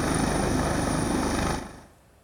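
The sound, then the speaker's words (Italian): A Coast Guard helicopter hovers over water as a diver lowers himself from it into the water during an afternoon search for a missing young man; its rotor chops in a steady, rapid thud over a dense wash of engine noise, then drops away abruptly after about a second and a half. “Nel pomeriggio, poco prima delle 5, quando le speranze di ritrovare il ragazzo erano sempre minori, un sommozzatore si cala in acqua dall'elicottero della Guardia Costiera e si assiste a un'immagine incredibile.”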